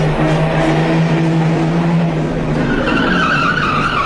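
A loud car engine revs continuously, its droning pitch holding steady and then climbing higher toward the end, with a squealing, skidding edge and no one speaking.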